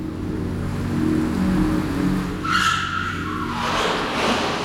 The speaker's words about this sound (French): Un grondement sourd se fait entendre. Un moteur, il s'approche.